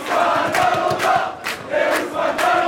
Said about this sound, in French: Des cris de liesse dans ce bar parisien